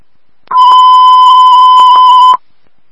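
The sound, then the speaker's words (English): A loud electronic alarm sounds as one steady, piercing high-pitched tone for about two seconds, with a few faint clicks, then cuts off abruptly. No one speaks. “There's an alarm going on.”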